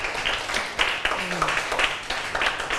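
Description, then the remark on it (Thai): A group of students in a class claps steadily for a classmate at the teacher's prompt, a dense, even patter of many hands lasting a few seconds, with a faint voice murmuring underneath. “โอเคปรบมือเพื่อนก่อน”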